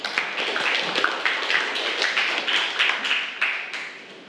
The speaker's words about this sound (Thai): ถูกต้องปรบมือให้เพื่อนหน่อยค่ะ